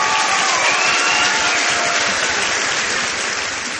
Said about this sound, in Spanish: Oye, que te despedimos como te hemos recibido, con un fortísimo aplauso. ¡Vamos!